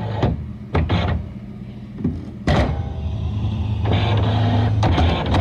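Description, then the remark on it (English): A brand new printer runs with a steady mechanical whir, broken by several sharp clicks and thunks as paper feeds through; no voices are present. “we've got a brand new printer here at Coast FM, and I was just out there playing with it before”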